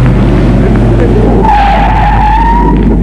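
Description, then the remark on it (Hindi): A car engine roars loudly, then the tires let out a long, high screech as it brakes hard to a sudden stop at a traffic light showing a stop signal. The squeal lasts over a second. “तुम रुक क्यों गए? सामने ट्रैफिक लाइट में स्टॉप सिग्नल है।”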